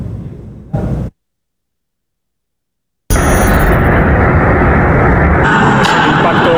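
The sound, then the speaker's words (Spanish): After a brief burst of noise and a few seconds of silence, a loud explosion erupts as a Russian drone strikes the 10th floor of an apartment block in Romania and its payload explodes, starting a fire; it rolls on as a heavy, sustained roar with crackling debris until the end. “De un dron ruso contra el 10º piso de un bloque de viviendas en Rumanía. El choque provocó la explosión de la carga que llevaba y eso generó un incendio.”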